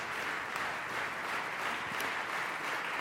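Sustained audience applause after a festival opera production, cheering the conductor and director Georges Petrou and his orchestra: a dense, steady wash of many hands clapping at an even loudness with no pauses, no voices standing out above it.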